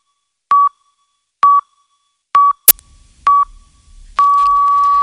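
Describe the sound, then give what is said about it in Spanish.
A series of short, evenly spaced electronic beeps about one second apart, the last one held longer, a radio hourly time signal marking 8 in the morning (7 in the Canary Islands), with a brief click and faint background noise near the end. “Son las 8 de la mañana, las 7 en Canarias.”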